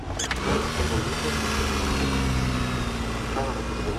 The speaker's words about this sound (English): We've got to give her a crank. It's the only car here with a crank handle.